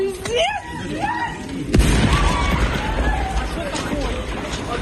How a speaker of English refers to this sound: The sounds of screams as a train was struck by a Russian drone about 2 kilometres from Ukraine's border with Poland. It was on its way to Warsaw from Kiev.